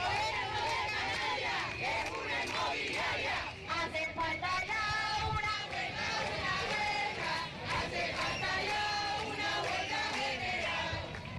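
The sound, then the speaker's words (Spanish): A large crowd protesting over rents in the streets of Las Palmas de Gran Canaria and Santa Cruz de Tenerife raises many voices at once, a dense, continuous roar of shouting and chanting that stays loud throughout with brief dips in between. “Las protestas han recorrido las calles de Las Palmas de Gran Canaria y Santa Cruz de Tenerife, con concentraciones también en Arrecife y Puerto del Rosario, en Lanzarote y Fuerteventura, respectivamente.”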